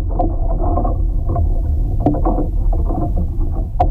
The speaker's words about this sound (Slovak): sa rozhodneme nahrať zvuky kolísajúcich stromov vo vetre. Doniesol si kvôli tomu geofón. Mikrofón, s ktorým sa pozorujú tektonické pohyby zeme.